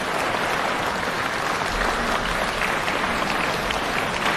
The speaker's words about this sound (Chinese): 今天我们邀请了几位我们的书迷们非常喜爱的前辈的艺术家呢，也来到舞台上和大家见面。我们掌声欢迎三位。